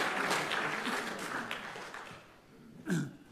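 A church audience applauding during a Sunday morning worship service at First Baptist Church in Spruce Pine, a dense wash of many hands clapping that tapers off gradually, with a brief voice rising near the end; the clapping follows a sung song and celebrates the singer's recovery.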